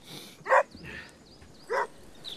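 A dog barks twice, two short sharp barks about a second apart, over faint outdoor background noise with no one speaking.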